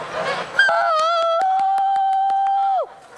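A flock of geese honk loudly as they react to strangers, one drawn-out call holding steady for a couple of seconds before dropping off, with short sharp honks and clatter from the flock around it.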